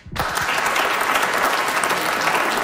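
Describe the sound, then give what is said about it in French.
A crowd bursts into steady applause in answer to a poll asking who would like to lose weight, many hands clapping in a dense, loud wash that starts abruptly after a brief spoken moment and holds at an even level throughout. “Allez-vous oser applaudir?”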